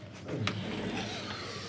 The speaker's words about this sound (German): Ja, jetzt haben wir gerade mal die Tür ein bisschen zugemacht, damit man das Telefon nicht so hört da draußen, wenn wir hier uns unterhalten.